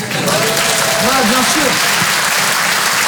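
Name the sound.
audience applause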